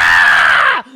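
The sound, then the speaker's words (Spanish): A loud, shrill scream sustained for nearly a second, harsh and piercing, then its pitch slides sharply downward as it cuts off, leaving a faint low tone. No talking. “¡Ay, cómo me encanta el grito!”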